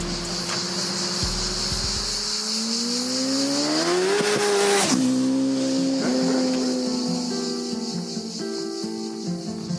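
A car engine accelerates hard at full throttle from first gear on a short stretch of road closed off for the run, its loud roar climbing steadily in pitch before a sudden drop at a gear change, then pulling higher again under a steady hiss, with no talking.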